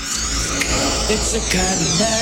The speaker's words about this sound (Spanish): Suena la chicharra.